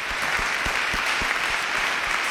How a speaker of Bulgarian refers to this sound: вашите аплодисменти са за него, представител на музикалното училище в град Варна